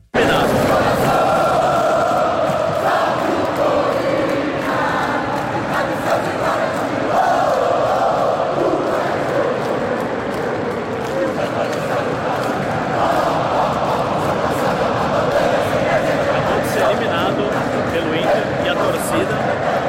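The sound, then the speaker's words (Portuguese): A large stadium crowd sings together in a sustained, loud roar, with scattered clapping and cheering mixed in throughout, dense and continuous from start to finish. Corinthians football fans sing and applaud their players after the game, following the team's elimination. “Antes de passar para você, deixa eu só mostrar depois do jogo a imagem que eu fiz do torcedor cantando e aplaudindo os jogadores depois da desclassificação.”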